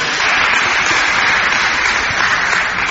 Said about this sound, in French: Merci mon père. Merci. On peut l'applaudir aussi.